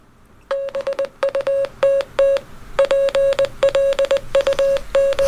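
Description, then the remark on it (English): Rapid Morse code beeps: a single steady mid-pitched tone keyed on and off in quick groups of short and longer pulses, loud and clear with no voices, running for about five seconds. “I didn't realise Morse code was this fast.”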